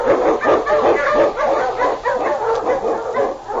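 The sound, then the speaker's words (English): A team of huskies, led by the Eskimo lead dog King, blazes a trail through storm and snow in the Yukon. They bark and yip loudly without pause, their overlapping calls forming a dense, continuous din with a few whining yelps mixed in. “The Wonder Dog King, swiftest and strongest of Eskimo lead dogs, blaze a trail through storm and snow for Sergeant Preston as he meets the challenge of the Yukon.”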